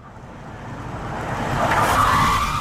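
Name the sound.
car driving past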